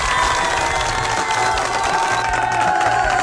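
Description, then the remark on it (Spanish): A crowd applauds and cheers steadily for the Spain national team winning the World Cup, dense clapping mixed with shouts and whistles at a constant loud level throughout, with no one speaking over it. “¡Fuerte el aplauso para la selección de España!”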